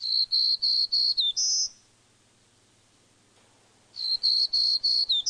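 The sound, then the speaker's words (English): A black-throated green warbler sings twice: each phrase is a run of five or six buzzy high notes ending in a brief higher note, with a quiet pause of about two seconds between phrases. “They may form mixed flocks with black-throated green warblers that nest in the eastern U.S. and Canada.”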